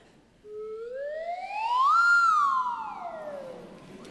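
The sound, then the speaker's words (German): A lotus flute (slide whistle) glides smoothly upward in pitch, peaks, then swoops back down in one continuous, siren-like tone lasting about three and a half seconds, played alone without any talking. “Was war denn das gerade hier für eine Flöte? Eine Lotusflöte.”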